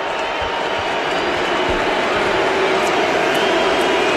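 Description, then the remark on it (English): A loud, steady roar of a large stadium crowd at an American football game against the Cowboys, as rookie Drew Stevens lines up a 51-yard field goal try, fills the whole stretch, a dense wash of cheering and shouting that stays constant without breaks. “Crowd's making a lot of noise.”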